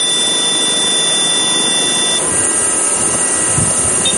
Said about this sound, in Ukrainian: Борт заживлено, останні приготування і безпілотник готовий до злету.